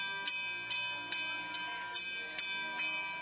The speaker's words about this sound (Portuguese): Então, naquele momento, Daniel tocou o sino daquele portão para dizer que ali estava alguém para falar com o rei.